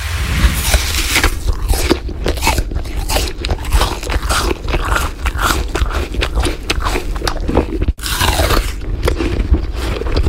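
Someone chews an apple loudly, with steady, repeated crisp crunches and wet smacking that run for about ten seconds without talk, pausing briefly near the end before continuing.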